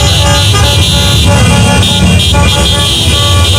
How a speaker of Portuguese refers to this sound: O pessoal tá fazendo um buzinaço danado.